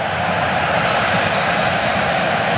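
A football stadium crowd roars, pushing its team on, in a dense, unbroken wash of noise, loud and steady throughout with no single voice standing out.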